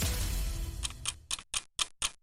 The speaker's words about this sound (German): Hörst du das Ticken? In dieser kurzen Zeit ist das Geld schon da.